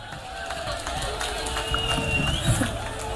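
A crowd applauds and cheers steadily for a few seconds, a dense wash of clapping with scattered whoops and a thin high whistle over it, loud throughout.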